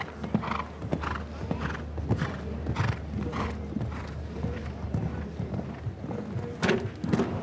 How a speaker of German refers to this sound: So, hier ist das Pferd einfach zu tief gesprungen. Vielleicht auch so ein bisschen dabei im Absprungverhalten Richtung Wassergraben, der hinter dem Steilsprung liegt, geschaut.